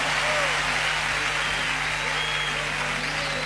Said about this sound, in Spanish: Un aplauso lindo para los señores músicos.